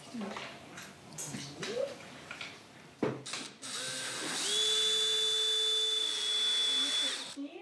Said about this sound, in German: Und dann kannst du einfach rausziehen. Einfach bohren und wieder rausziehen. Also im genau. Ja, und dann wieder zurück. Nicht ganz so tief, sonst kommst du in die Hobelbank.